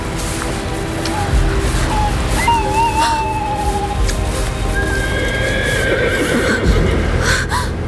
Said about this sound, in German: War da nicht das Wehen eines Pferdes in der Ferne?